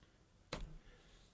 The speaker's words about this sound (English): He's typing it.